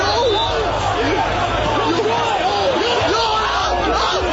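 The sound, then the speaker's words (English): A dense, rowdy street party crowd on Chancellor's Way in Guelph yelling and shouting over one another, many overlapping voices rising and falling in a constant loud roar with no pauses, as partygoers throw cans, flares and other objects into the crowd. “Partygoers throwing cans, flares, and other objects into the crowd.”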